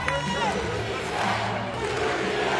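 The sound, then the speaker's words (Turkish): Spectators in an arena in Osaka chant "Türkiye" in unison, some Japanese spectators among them, a loud, steady roar of many voices with a rhythmic, sung quality that continues throughout without a break. “Evet, Osaka'da seyircilerimiz Türkiye tezahüratları yapıyor.”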